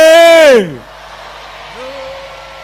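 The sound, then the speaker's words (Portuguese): A group of women at a gathering in Matutwini, Maputo province, shouts together in answer to a speaker's call. The loud, high-pitched shout rings out for about half a second, sliding down in pitch as it ends, followed by near silence and a faint, brief vocal tone. “Vamos agora gritar, mulheres, vamos ajudar os homens.”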